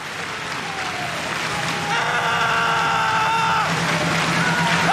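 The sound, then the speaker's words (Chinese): A large stadium crowd at an athletics jumping competition claps along in a steady rhythm for an athlete's run-up before his sixth jump, a dense wash of applause with crowd noise. A sustained tonal sound, like a horn or chant, rises over it midway. “本人观众要一个掌声，要一个步点的节奏。”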